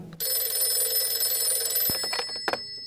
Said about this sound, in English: And the next thing I knew, I was wakened by the phone ringing.